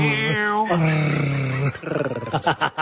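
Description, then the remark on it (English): A man imitates an animal growl with his voice: a rough, throaty snarl that holds for over a second, then breaks into choppier grunting bursts, loud. “there's not much doing in my relationship department at the moment, but you growling like that is so off-putting.”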